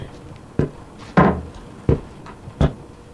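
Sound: door opening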